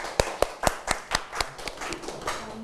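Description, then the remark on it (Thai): A burst of classroom applause as students clap for a classmate who has just summarized a science activity: a quick, steady run of sharp hand claps, strongest at first, then softening into looser, overlapping clapping from several pairs of hands with no talking. “ถูกต้องนะครับปรบมือให้เพื่อนด้วยนะครับ”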